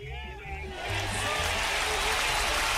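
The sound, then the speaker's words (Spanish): Studio applause for a phone-in caller swells in after a brief moment and holds as a dense, steady wash of clapping, loud over a low droning tone underneath. “Ahí está, un aplauso para ti, hombre.”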